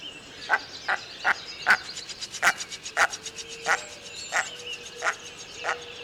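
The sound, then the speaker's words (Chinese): A male waterbird's breeding-season display call, a strange 'Vega Vega' sound like a spring: about ten short, abrupt, springy notes repeated at a steady quick pace, clear, with faint background birdsong and no talking. “那繁殖季的时候呢，雄鸟会发出比较奇怪的这个 Vega 的这样的叫声 哦， 的声音哦。”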